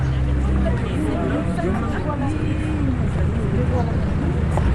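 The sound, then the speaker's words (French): A restless, impatient crowd that has waited since dawn murmurs continuously, sighing and whistling, a dense, steady babble of many overlapping voices with no single words standing out, fairly loud throughout. “La foule qui attendait depuis les aurores peinait désormais à contenir ses trépignements. Elle s'impatientait, soufflait, sifflait.”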